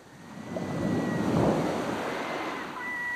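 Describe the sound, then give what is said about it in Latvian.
Small waves lap gently at a sandy beach shore, one soft wash swelling and fading over a few seconds, fairly quiet, with a faint steady hiss of open air behind it. “Vilnīši cits citam pāri veldamies pa kārtai laizīja krastu, un tad mēles ierāvuši pa laikam atgriezās, lai atkal pagaršotu smiltis.”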